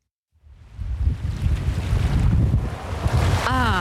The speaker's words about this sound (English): Summer on Cape Cod. Sun, ocean breezes, and plenty of waves.